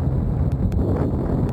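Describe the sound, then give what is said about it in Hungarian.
Steady, loud wind rushing past a flying paraglider buffets the microphone, a dense low rumble with faint rushing higher up and a few brief clicks, continuous throughout with no voices. “Ez a szél.”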